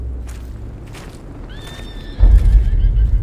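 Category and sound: animal, horse neighing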